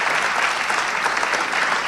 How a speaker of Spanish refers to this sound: El fuerte aplauso para Alejandro Dolina.